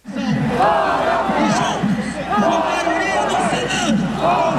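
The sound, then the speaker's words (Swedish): A large protest crowd on Avenida Paulista, Brazil, on Brazil's Independence Day, demonstrating against suspected corruption in the supreme court, shouts "out with Moraes" in unison again and again, voices rising and falling in repeated rhythmic bursts while speakers take turns on the stage. The loud, dense roar of many people continues steadily throughout. “Det är Brasiliens självständighetsdag och folkmassan på Avenida Paulista skriker ut med Moraes gång på gång medan talarna på scenen avlöser varann.”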